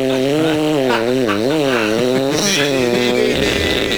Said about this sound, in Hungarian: mutatom a fűrészhangot, figyelj, de közben te gondolkozzál, nem ez volt?